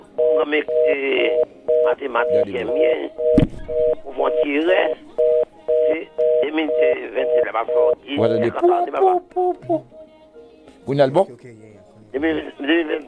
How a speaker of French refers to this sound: Oui, bon, bruit qu'a fait le téléphone, non, vraiment.